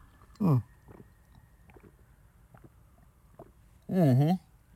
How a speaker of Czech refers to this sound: Kdo máte po ruce pití, lahev, flašku nebo nějaký pítko, tak pojďme se napít. Já tady mám 0,5 litru vody, tak si to dáme takhle živě.